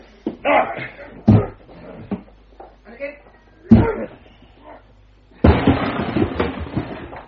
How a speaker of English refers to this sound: Watson, I shall need your shoulder to help break down the door. Stand away, Miss Hunter. You ready, Watson? Ready.